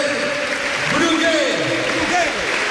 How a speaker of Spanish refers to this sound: hay la ovación del Ciutat, que grita Brugge y Brugge a uno de sus capitanes, que se retira ovacionado